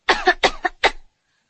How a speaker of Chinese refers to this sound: 谢谢，深呼吸，陛下。陛下能不能咳嗽一声？